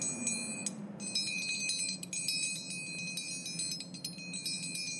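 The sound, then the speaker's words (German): Bright, shimmering bells ring and sustain over a steady, low rushing wind, layered into a continuous wash of chiming tones with no voices. “Hier, es geht jetzt mit Wind los und Glocken.”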